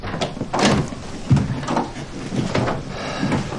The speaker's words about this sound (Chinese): 哎， 我来。 哎，好，我去开门。